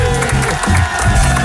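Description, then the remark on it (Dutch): Steady audience applause on the Dutch TV programme De Vrijdagavondshow fills the space, a dense wash of many hands clapping together with some crowd cheering mixed in, loud and sustained throughout. “Nog even één keer applausje doen.”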